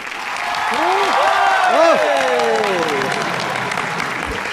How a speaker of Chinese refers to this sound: 我一说开始，大伙儿掌声就给起来啊！ 谢谢大伙儿啊！ 欢呼声最好再热烈啊！